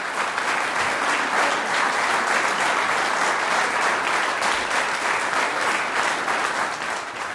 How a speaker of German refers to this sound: Das ist der Applaus für das Quintett ….